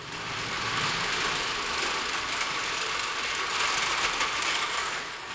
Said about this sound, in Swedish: Han trycker på startknappen. Den stora motorn går igång med ett mullrande ljud.